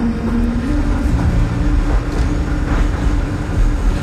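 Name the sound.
tram running on rails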